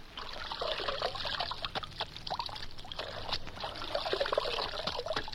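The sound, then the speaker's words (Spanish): Water poured onto a horse's legs trickles and splashes continuously for several seconds, a steady pouring sound with scattered little drips and splatters. No one speaks. “Hay que mandar al caballo por ellas. Le mojaré las patas.”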